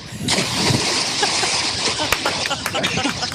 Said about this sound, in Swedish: Där kan vi snacka plums! Kawabanga ner i Ljusnan, som väl egentligen kanske är en älv om vi ska vara helt riktiga, se här på kartan nu.